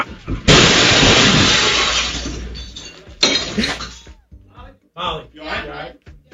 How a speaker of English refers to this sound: She just moves over to like grab a shirt or something, and the car comes crashing through.